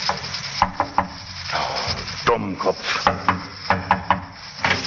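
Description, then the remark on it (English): Several sharp knocks on the wooden door of a barber's shop in North London, about midnight, come in short, uneven clusters over a steady background hiss, with faint shuffling sounds between them. “He got out of the taxi and, after looking about very carefully, knocked at the barber's door.”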